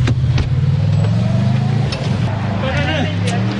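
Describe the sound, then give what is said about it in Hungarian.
A car that waited in a street next to the Hungarian Parliament building for former minister Balázs Hankó drives off without him, its engine rumbling loudly with a steady, low droning hum, its pitch shifting slightly as it pulls away, while voices can be heard faintly in the background. “A szomszédos utcában egy autó várta.”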